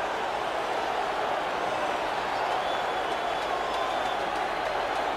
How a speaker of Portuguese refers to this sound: A seleção galesa, a saída de Olise. A saída muito aplaudida. Como é óbvio. Michael Olise.